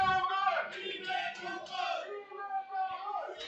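Las Rozas football supporters shout and cheer together during a match against Torrejón, in a sustained, rising and falling chorus of voices with no single voice standing out.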